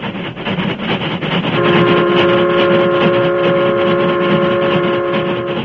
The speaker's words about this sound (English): The Union Pacific, pride of the West, was roaring across the open stretches where vast ranches separated the small crossroads communities.